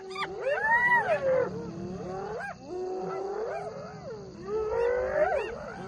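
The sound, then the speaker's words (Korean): A noisy chorus of hyenas whooping and wailing in protest as a male lion comes to take their food, with rising and falling yelps and whines overlapping almost continuously, loud throughout with a brief dip near the middle and no talking. “하이에나들은 쉽게 포기하지 않죠. 소란을 부리는 건 항의의 표시인 동시에 전략입니다.”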